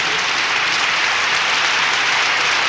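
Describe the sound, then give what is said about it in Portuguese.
A dense, steady round of applause from a crowd for a birthday, many hands clapping at once in a continuous wash of sound for a few seconds, with no voices standing out. “Então, palmas pra ele.”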